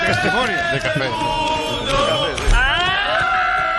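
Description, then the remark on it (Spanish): A packed, noisy crowd inside a bar shouts and cheers loudly throughout. Near the end, one odd, drawn-out yell rises above the din, strained. “Ese grito final es un, no llega a ser un irrinchi, es una cosa rara.”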